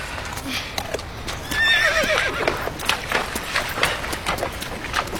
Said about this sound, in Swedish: När det närmade sig kväll stannade vi för att vila lite. Hästarna behövde dricka, så vi ledde ner dem till floden.